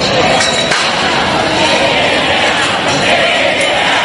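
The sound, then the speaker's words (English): A large crowd outside the Kennedy Center in Washington, D.C., chants "Take It Down" together outdoors, a dense, continuous wall of many voices with a steady rhythmic push, fairly loud, with occasional clinks and shouts mixed in. “Chants of Take It Down from crowds forming outside the Kennedy Center in Washington, D.C., hours after an appeals court cleared the way for a judge's order to remove Donald J.”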